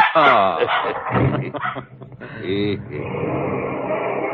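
A dog named Spot, just returned home, barks and yips excitedly, loud short bursts broken by brief whimpering sounds, continuing with a steady background hum.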